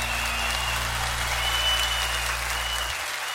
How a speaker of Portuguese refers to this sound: Um aplauso de vocês e um carinho para o nosso querido Eduardo Araújo.